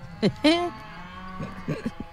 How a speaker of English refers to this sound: Yes, we just changed the animal setting in the studio and it's full of cows here.